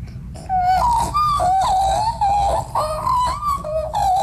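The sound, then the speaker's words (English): A person imitates an Australian magpie call, a loud, continuous warbling melody of gliding, fluting notes that rise and fall in pitch for about four seconds, with no other talk. “Do you think we could get a bit of a magpie call?”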